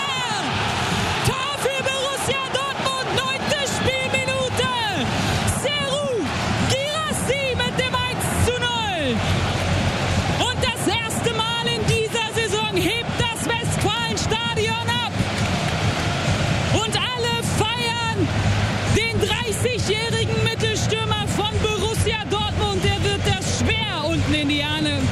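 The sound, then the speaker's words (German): A large stadium crowd roars and applauds loudly and continuously after a Borussia Dortmund goal scored by Gerassi, a dense wash of cheering with an excited voice talking over it. “Höhe der Eckfahne, der Applaus und der Jubel regnet auf ihn nieder und er nimmt es total cool”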